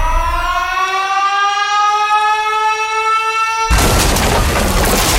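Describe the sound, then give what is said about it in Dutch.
An alarm siren, the cue for Willy radio listeners to send their guess in the Willy app, wails with a slowly rising, steady pitch for several seconds, then is abruptly cut off by a loud, roaring burst of noise like an explosion. “Stuur je gok in de app zodra je het alarm hoort.”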